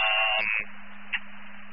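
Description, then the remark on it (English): A harsh, buzzy fire dispatch alert tone, a retone for Bender's corners, blares loudly for under half a second, then drops to a steady low hum with a brief click partway through. “Yeah, you can retone Bender's corners.”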